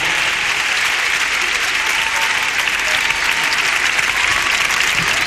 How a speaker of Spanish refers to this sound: Por favor, fuerte el aplauso para la banda que poco a poco va haciendo su aparición en escena.